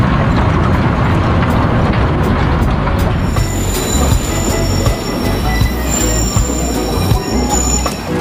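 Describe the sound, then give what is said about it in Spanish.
A train rumbles past the last level crossing on the route, loud and steady, with rhythmic wheel clatter and high metallic squeals from the wheels sustained over the roar. “Steffi Clark acelera para llegar antes que el tren al último cruce.”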